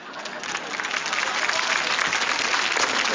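Audience applause at a Chinese crosstalk (xiangsheng) comedy performance, a dense steady wash of many hands clapping that swells slightly and holds loud throughout, with no voices standing out.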